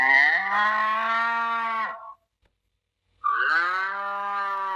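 A cow moos twice, two long, loud bellows separated by about a second of silence, each with a rich harmonic drone that falls slightly in pitch.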